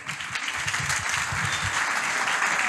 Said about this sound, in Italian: Facciamo un applauso.